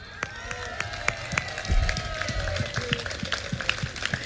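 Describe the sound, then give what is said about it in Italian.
A crowd breaks into sustained applause for the 100th anniversary of the Alpini group of Castel Gomberto, many hands clapping in a dense, uneven patter that holds steady for several seconds, with faint cheering mixed in. “L'applauso ci vuole doppio!”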